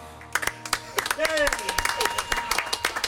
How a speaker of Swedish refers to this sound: Och du sitter här och applåderar.